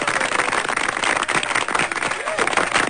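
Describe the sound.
A steady burst of applause from a small group encouraging a new student on a show, dense overlapping claps holding at an even loudness for a few seconds, with a faint voice underneath.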